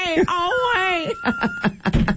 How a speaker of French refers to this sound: Mais c'est ça, en fait, ça, le bébé qui pleure, ouais.